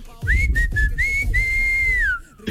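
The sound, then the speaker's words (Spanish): A person whistles a short, steady tune up close, a few quick notes followed by one long sustained tone that slides downward at the end, with a low rumble underneath. “Pero bueno, vamos a darle vuelta a la página del Tato ya que chifle, ¿verdad?”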